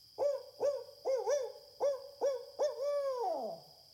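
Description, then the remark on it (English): A voice imitates a barred owl's call in homage to Tubman, who used it as a signal on the Underground Railroad: a rhythmic series of about eight rounded hoots, fairly loud, ending in a long drawn-out hoot that slides downward. “It was so smart to use the barred owl song as a signal.”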